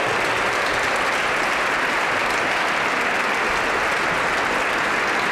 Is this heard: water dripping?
no